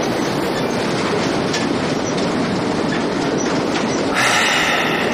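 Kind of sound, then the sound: vehicle, train clattering along rails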